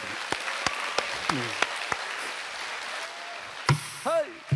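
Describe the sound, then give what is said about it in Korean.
An audience applauds in a steady, dense wash of clapping, with a few sharp, louder individual claps standing out and brief voices calling out over it toward the end. “이럴 때 박수 한번 쳐 주실 수 있어요?”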